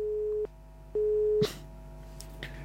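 Two steady electronic telephone ringing tones beep in sequence as a call is placed to a phone-in line, each about half a second long, followed by a faint click and quiet line noise with no one answering.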